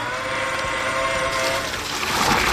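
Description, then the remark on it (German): A watering robot named Gießbert, shaped like a large handcart carrying water, runs with a steady, humming motor whine, which gives way to a broad rushing hiss like water spraying out. Fairly loud and continuous, with no voices. “Gießbert bei der Arbeit. Und Gießbert ist ein Gießroboter.”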